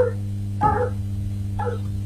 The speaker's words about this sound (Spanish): Está el perro.